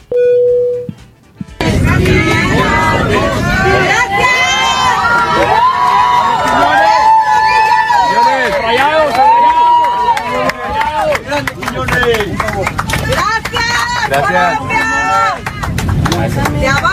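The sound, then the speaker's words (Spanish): Mexican passengers aboard a commercial flight loudly cheer, shout and chant together for footballer Julián Quiñones, continuous after a brief quiet start, with overlapping voices swelling throughout. “Y chequen nada más la ovación que se llevó por parte de los pasajeros mexicanos.”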